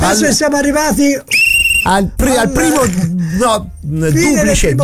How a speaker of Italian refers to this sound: Duplice fischio, quindi non triplice, perché il triplice è alla fine della partita. Due fischi per la fine del primo tempo.